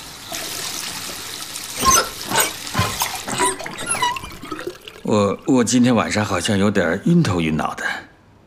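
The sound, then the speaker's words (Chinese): Water runs steadily from a tap that was left on, with a hissing splash, then a person starts talking while the running water continues faintly underneath. “你没关水龙头。”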